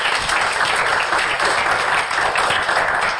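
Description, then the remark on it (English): A church audience claps their hands during an evening service in steady, dense applause, a continuous bright patter of many palms at an even loudness throughout, with no voices standing out. “And you can clap your hands.”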